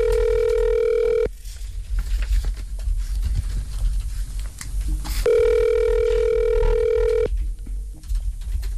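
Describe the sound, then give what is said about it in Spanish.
A telephone call, transferred to Movistar, ringing on the line: two steady, buzzy ring tones, each lasting a second or two, separated by a few seconds of quiet filled with low rumbling background noise. “Llamada transferida a Movistar.”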